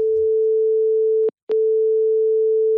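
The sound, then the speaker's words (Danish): A steady, mid-pitched ringing tone of an outgoing telephone call to a communications and campaign manager at Realdania drones on, briefly cut by a short break with a couple of faint clicks before resuming at the same level. No voices are heard. “Jeg ringer til formidlings- og kampagnechef i Realdania,”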